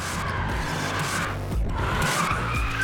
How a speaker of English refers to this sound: Drifting is just driving a car broken traction with the most extreme angle, as much smoke as possible, as close to the walls as you can or the other driver.